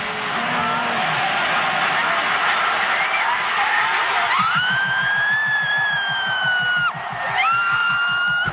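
A man lets out a long, piercing, high-pitched scream, holding one steady note, breaking briefly, then starting again, after several seconds of loud roaring crowd noise.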